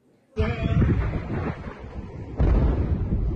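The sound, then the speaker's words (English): A sudden heavy blast from U.S. airstrikes in Chabahar, in eastern Iran, at night erupts into a long, roaring rumble, and a second loud boom hits about two seconds later, both deep and crackling, with constant wind-like noise throughout. “East of the country, multiple explosions in Chabahar.”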